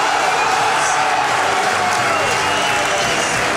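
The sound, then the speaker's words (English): A huge sellout crowd at the SMH Group Stadium in Derbyshire roars and applauds from all four sides as the players are led out for a playoff match in sunshine, a dense, continuous wall of clapping and cheering that stays loud and steady throughout. “Playoff roar around the SMH Group Stadium here in Derbyshire. Applause from all four sides of it.”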